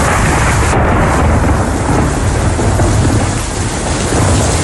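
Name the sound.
thunder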